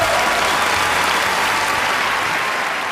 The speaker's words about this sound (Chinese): 掌声送给